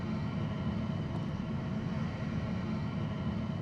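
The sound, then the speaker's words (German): A steady, low engine rumble from a TUI fly airplane taxiing slowly along a yellow-lined taxiway at Hannover Airport toward Gate 13, guided by a follow-me vehicle, holding an even, constant loudness throughout with no voices. “Flugzeuge dürfen nur auf diesen Rollwegen fahren.”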